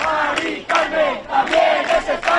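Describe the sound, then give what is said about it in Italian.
A large crowd of over 400 activists protesting an eviction outside a building's front door in Madrid, Spain, shouts in loud, rhythmic bursts, voices rising together roughly every second in a chant-like pattern with no clear individual speech. “Per impedirlo, davanti al suo portone c'erano da giorni oltre 400 attivisti.”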